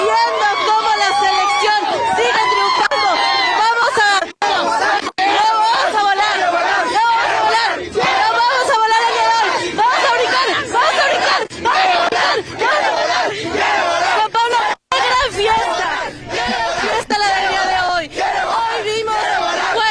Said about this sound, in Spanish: 50,000 personas vibrando en el Zócalo de la Ciudad de México. Aquí sigue la fiesta. Aquí siguen miles de almas cantando, bailando.